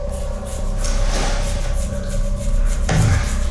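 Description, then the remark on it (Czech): Leaves being raked: a steady, dense scratching and rustling that runs unbroken, over a low rumbling undertone, with a brief heavier scrape near the end. No voices. “listů je zavouřící to hrabání.”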